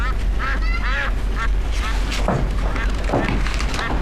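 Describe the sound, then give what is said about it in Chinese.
Two ducks quack in a run of harsh, nasal calls, several close together near the start and more scattered later, fairly loud over a steady background hum. “鸭子窝收拾完了啊，那味儿老大了，这俩家伙能吃能拉的。”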